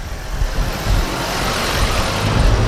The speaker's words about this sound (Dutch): Er is al een andere meneer die hier in een jeep rondriekt en ook al een kikker heeft.